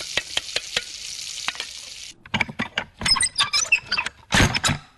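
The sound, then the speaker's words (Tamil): Food sizzles steadily in a pan in a kitchen as someone cooks, while a utensil scrapes and clicks against it in quick, irregular strokes, followed by louder bursts of stirring and clattering, with no voices. “நான் அவங்க வர்றதுக்குள்ள சமைச்சு முடிச்சிடுறேன்.”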